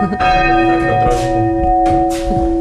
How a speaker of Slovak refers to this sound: No a týmto sa dá zvoniť. Zvony nad krajinou Spišského Horhova.